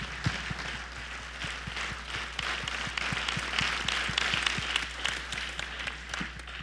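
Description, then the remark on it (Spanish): An audience breaks into sustained applause for God during a sermon, many hands clapping together in a dense, steady wash lasting several seconds, with a low hum underneath. “Bueno, démosle un fuerte aplauso a Dios.”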